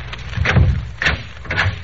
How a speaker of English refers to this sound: As he walked, he looked carefully at each closed door he passed. Then, on reaching the end of the corridor, he stopped and opened the door.